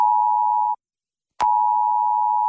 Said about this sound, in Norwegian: Hei, dette er en viktig melding fra politiet og sivilforsvaret. 10. juni klokken 12. Testes nødvarsel på mobil.